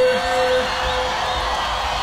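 A concert crowd cheers at a live show after the singer calls on fans to make noise, in a dense, steady roar that holds at full volume for about two seconds, with a thin sustained tone threading through the noise.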